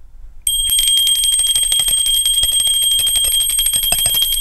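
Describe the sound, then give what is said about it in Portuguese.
A small hand bell rings for school recess, continuously and rapidly, bright and metallic with a sustained high shimmer, starting abruptly after a brief quiet moment and jangling loudly without pause. “No meu grupo escolar tinha um sininho no corredor e a faxineira, a moça lá que batia o sininho”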